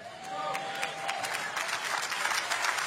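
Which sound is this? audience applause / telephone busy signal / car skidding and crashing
audience applause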